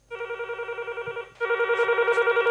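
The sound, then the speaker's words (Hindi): A telephone rings with a rapid warbling electronic trill in two bursts, the second louder, clear with no one speaking; an incoming listener call to a radio song-request programme in Bhopal. “हम इंतज़ार है आपके फ़ोन कॉल्स का, जितना इंतज़ार आप करते हैं अपनी फरमाइश का।”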